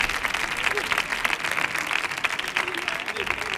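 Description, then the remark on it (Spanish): A dense burst of audience applause, many hands clapping steadily and loudly for a few seconds with a bright, crackling texture and no pauses. “¡Fuerte el aplauso”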